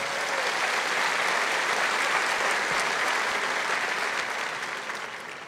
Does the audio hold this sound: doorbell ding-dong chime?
no